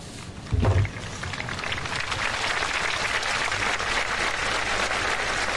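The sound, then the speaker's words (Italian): An audience breaks into sustained, warm applause, a dense wash of clapping after a brief low thump at the start, thanking Pope Leo XIV at the close of his homily. “E si conclude così l'omelia di Papa Leone XIV, mentre dall'assemblea un applauso caloroso ringrazia.”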